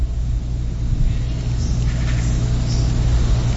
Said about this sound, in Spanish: Sin embargo, por el puente número 1 se nota que fluye rápido el tráfico vehicular. Sí circulan algunas unidades, por lo que podría representar su mejor opción el puente número 1.